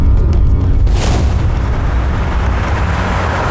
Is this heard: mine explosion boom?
yes